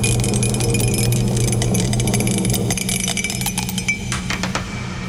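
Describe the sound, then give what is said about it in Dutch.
A dropped die clatters and rattles with a rapid spray of sharp, hard clicks that thin out into a few scattered taps, landing on six, over a steady low hum, with no voices. “Ik heb de dobbelsteen laten vallen.”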